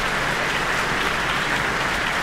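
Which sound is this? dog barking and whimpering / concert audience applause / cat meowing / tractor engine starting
concert audience applause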